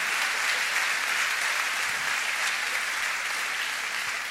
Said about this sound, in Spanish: Pueden aplaudir